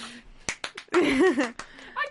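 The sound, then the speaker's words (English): A handful of sharp hand claps come in a loose, irregular burst, with a wavering laugh-like vocal sound between them and a brief voice at the end. “Clap if you care.”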